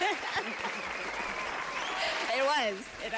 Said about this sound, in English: Come on! You know, where is that applause? Yes.